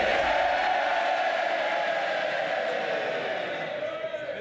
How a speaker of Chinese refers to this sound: 在下议院，当伯纳姆宣誓就职默克菲尔选区议员时，工党议员们爆发出热烈的欢呼声。